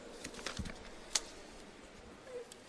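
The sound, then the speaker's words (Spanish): Quiet rustling and crinkling of a pile of papers being shuffled, a scatter of soft brief scrapes with one sharper snap partway through, with no voices. “Estamos aumentando el presupuesto, pero espéreme que se me hacen un montón de papeles los que tengo acá.”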